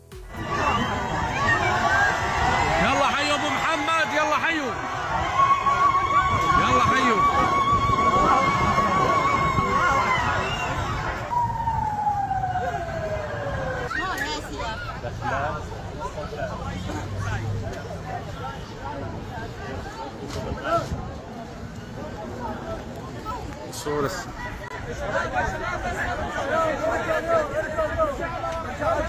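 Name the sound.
crowd cheering and ululating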